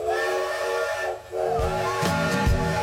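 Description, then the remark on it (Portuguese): A steam train whistle at the Mundo a Vapor park in Serra Gaúcha blows in a long, loud, steady multi-tone wail, with hissing steam throughout and heavy rhythmic chuffing thumps joining in partway through. “O apito soou novamente.”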